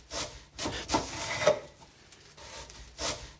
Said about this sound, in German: Dann schnipple ich das Brot in ganz dünne Scheiben. Ich muss nur aufpassen, dass ich mich nicht schneide.